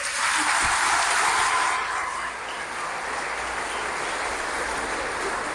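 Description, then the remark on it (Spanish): An audience gives a round of applause to God, a dense steady patter of many hands clapping that stays loud, then eases slightly after about two seconds and carries on evenly to the end, with no voices heard. “Un aplauso a Dios.”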